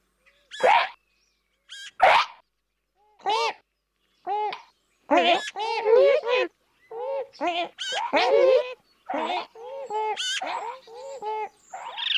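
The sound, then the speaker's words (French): A series of azure-winged magpie calls, short harsh nasal notes and squeaky chatters in irregular bursts, clear, with brief pauses between them and no talking. “Oiseau mystérieux, la pie bleue pousse des cris discrets.”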